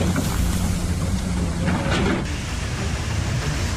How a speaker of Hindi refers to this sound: पानी की ऐसी रफ्तार कि लोहे का मजबूत पुल भी पल भर में तिनके की तरह बह गया। सैलाब के बीच भारी भरकम JCB मशीन भी खिलौने की तरह बहती नजर आ रही है। कुछ ही सेकंड में पूरा मंजर बदल गया। ये तस्वीरें उत्तराखंड के चमोली की नीति घाटी के तमक नाले की हैं